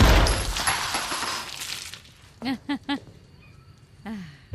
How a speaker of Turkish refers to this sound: Silah sesleri duydum. Yalnızca bir el duydum.